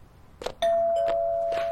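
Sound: doorbell ringing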